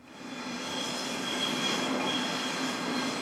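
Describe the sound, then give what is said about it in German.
Trains rumble steadily over the rails of a glass U-Bahn and S-Bahn station during the afternoon rush hour, a dense continuous roar with a faint metallic squeal riding on top, fairly loud, swelling slightly at the start and holding without any voices. “Züge brettern über die Schienen, Fahrgäste laufen über die Treppen”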